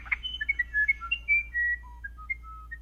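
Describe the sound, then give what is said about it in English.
A South American musician wren sings a clear, flute-like melody of pure whistled notes, rising and falling in pitch with short pauses between, alone over a faint low background hum. “It's a tough decision, but many would choose South America's musician wren. Learn more about this little bird's special song”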